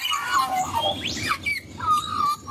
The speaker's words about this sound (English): It's a sound many Australians are familiar with. Magpies can be seen and heard in most corners of the country, so it's no surprise the black and white bird swooped into top spot as the most commonly spotted animal in the national survey,